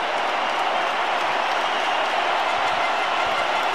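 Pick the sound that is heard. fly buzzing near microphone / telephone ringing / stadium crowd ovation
stadium crowd ovation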